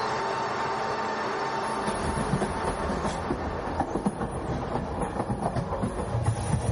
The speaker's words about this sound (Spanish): Domingo 18 de enero de 2026, 6 y 10 de la tarde. De la estación Puerta de Atocha sale el tren Alvia 2384 Madrid-Huelva con 191 pasajeros.